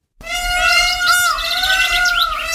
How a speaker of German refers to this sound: Pfau? Ja, das hört man sofort, oder? Mhm. Hören wir nochmal rein. Die schreien so lustig.